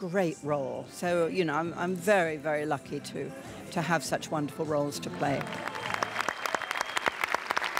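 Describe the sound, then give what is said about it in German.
A voice talks for several seconds, then a cinema audience of fans breaks into sustained applause for Helen Mirren as she receives a lifetime achievement award, a dense, steady crackle of many hands clapping that carries on to the end. “Im Kinosaal dann ihre Fans, ihr Applaus, ihre große Würdigung.”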